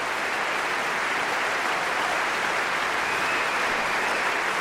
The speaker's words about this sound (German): Er gibt gerade jedem persönlich die Hand, auch dem ersten Konzertmeister Veilu gerade, und stellt sich vor sein Orchester, und Sie hören, wie das Publikum jubelt und pfeift.